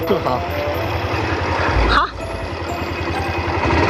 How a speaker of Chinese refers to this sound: 您平时就是骑摩托车上山吗？ 每天骑摩托车嘛，骑回来前后骑回来，现在算我骑的这个是第七个。 已经第七个摩托车了。